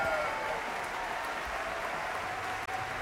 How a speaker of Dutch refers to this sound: En je hoort op de achtergrond het applaus vanuit dus de concertzaal in Frankrijk.